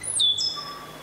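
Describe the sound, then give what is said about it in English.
A stitchbird gives a short, high whistling call, a couple of sharp descending notes with a thinner trailing whistle, clear over a faint background hum. “The stitch bird.”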